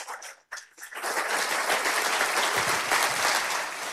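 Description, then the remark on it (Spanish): A church audience breaks into loud, sustained applause for God, the King of Kings, starting with a few scattered claps before swelling into a dense, steady roar of clapping that holds for several seconds. “Denle un aplauso fuerte al Rey de Reyes, al Señor de los señores.”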